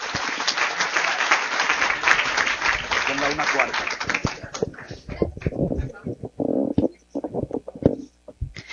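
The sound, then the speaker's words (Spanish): An audience at an institute's student project fair claps for about five seconds, a dense burst of many hands that fades out. A single voice then starts speaking into a microphone, greeting the head table, guests, press, teachers and students. “Con el aplauso de ustedes.”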